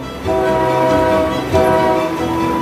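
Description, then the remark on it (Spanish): A train horn blares in two sustained, chord-like blasts over the steady rumble of a passing train, loud, with no voices, on a line heading toward Bangkok. “Sin embargo, con 17 trenes al día en cada dirección, el mercado no puede acercarse tanto como lo hace Mekong con solo 4 trenes.”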